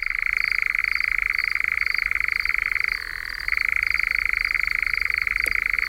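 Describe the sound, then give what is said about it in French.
A continuous, rapid mechanical churring of a European nightjar, steady and fairly loud, briefly shifting to a lower pitch midway before resuming its dry, purring trill. No voices. “Dans le bouquin de Harriet Walter et de Pierre Avenas qui s'appelle « La mystérieuse histoire du nom des oiseaux », il y a une page consacrée à l'engoulevent d'Europe.”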